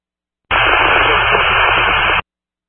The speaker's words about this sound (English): It's all static.